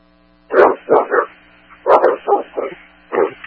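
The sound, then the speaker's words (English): Dogs bark from inside a house at 811 North 4th Street while no one is home, in short, irregular bursts of two or three barks, fairly loud, with brief pauses between volleys and no one talking. “Dogs are still inside. No one's home.”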